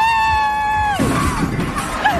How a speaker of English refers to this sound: So many people cheering for him.